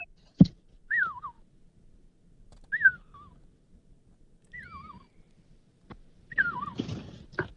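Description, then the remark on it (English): A person whistles four short, wavering, falling call notes, spaced a couple of seconds apart, to call pet animals in from their enclosure in the afternoon, over quiet outdoor background with a brief rustle near the end. “Yeah, they every morning when I put them back out into their enclosure, and then I pick them up in the afternoon, I can whistle to them.”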